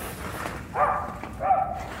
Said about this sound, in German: Er wird weiter bellen. Okay. Holen Sie den Hund rein, Doc.